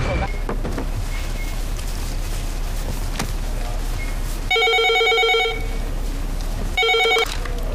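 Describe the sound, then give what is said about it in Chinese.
A telephone rings in two electronic trilling bursts, the first longer than the second, standing out clearly over a steady low background rumble. “哪儿的电话呀？”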